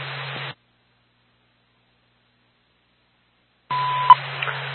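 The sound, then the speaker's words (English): Radio dispatch alert tones for Lancaster units, sent by Madison dispatch, over crackling two-way radio static: a short burst, a few seconds of silence, then another static burst carrying a brief steady beep and low hum. No one speaks. “We should be all set for now with tones.”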